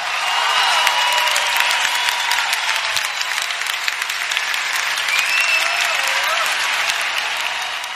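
Sustained audience applause, a dense, steady wash of many hands clapping at even loudness for the full length, with faint cheering or whistle-like tones rising above it now and then.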